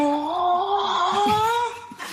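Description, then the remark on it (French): ChatGPT imitates a cow's moo as a panting cry, as if the cow were out of breath: a long, strained, breathless call with a slowly rising pitch, wavering and rough, ending in a short gasping breath. “Salut ChatGPT, est-ce que tu peux imiter le bruit d'une vache en faisant un cri haletant comme si la vache était à bout de souffle?”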